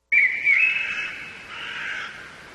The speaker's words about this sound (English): And then the third one is a little bit different. It doesn't have that background. It's forest sounds.